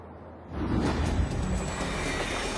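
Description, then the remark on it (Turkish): A heavy freight train rumbles and grinds steadily after a quieter start, its low, dense roar and faint metallic whine filling the scene as it labors to accelerate with a 10,000-ton load of fuel and food just outside the port of Vitiya. “Vitiya Limanı'nın hemen dışında yük treni yakıt ve gıda maddesinden oluşan 10 bin tonluk yüküyle hızlanmak için mücadele ediyor.”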